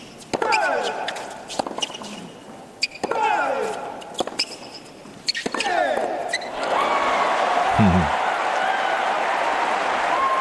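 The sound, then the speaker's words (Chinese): A stadium crowd of spectators cheers on the player Diyafu (迪亚福), with repeated rhythmic bursts of shouting and clapping that swell into a sustained, loud roar of support near the end. “观众也是在给迪亚福加油啊，他们对于现场的观众来说，他们希望看到一场争夺更激烈啊更精彩的比赛。”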